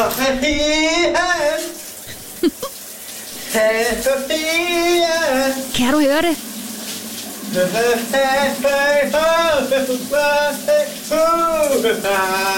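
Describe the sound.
A man sings a wavering melody in bursts while taking a shower, over a steady hiss of running shower water, fairly loud, with a short spoken question near the start.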